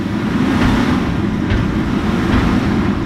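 Garbage trucks idle in line in front of the scale house at Boone County Landfill and Recycling in central Iowa, waiting to be weighed, with a steady, loud diesel rumble that holds constant throughout and a few faint clanks and hisses rising briefly above the engine drone. No one speaks.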